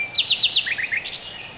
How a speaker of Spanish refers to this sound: Hay estudios que demuestran que los ruiseñores cantan a unos 90 decibelios.